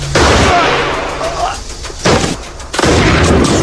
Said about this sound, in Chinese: 远处传来枪声，一星警觉的四处张望着离开。